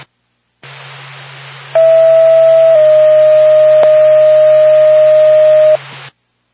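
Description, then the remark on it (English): A loud, steady ambulance dispatch paging tone over radio hiss, alerting Lancaster Ambulance: one pitch holds for about a second, then steps slightly lower and sustains for several seconds before cutting off. No one speaks. “Ambulance, stand by for tone.”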